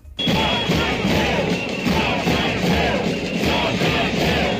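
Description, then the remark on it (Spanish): A large protest crowd of thousands in green T-shirts chants the slogan "no salseu" in unison outside the consellería (regional ministry). It is loud and sustained for the whole stretch, the massed voices swelling in a rough repeating rhythm over a dense roar. “Mientras, en el exterior de la consellería, otra vez miles de camisetas verdes y ese grito que escuchas, esa consigna, no salseu.”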